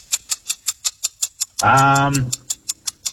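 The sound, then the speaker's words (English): A radio quiz timer ticks in a fast, steady rhythm of sharp, bright clicks while a contestant guesses a player from three clue words, briefly interrupted by a short drawn-out voiced sound from someone before the ticking carries on. “All right, I'm going to give you these three words again and set the timer, and then you just go for gold of who you think this player is.”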